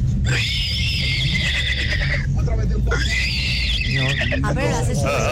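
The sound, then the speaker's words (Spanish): A radio listener calling Tropicana imitates a horse's whinny twice in a row as a hidden talent, high, wavering squeals trailing off into shaky, sputtering breaths, loud over a steady background hum. “Mi talento oculto es imitar al caballo.”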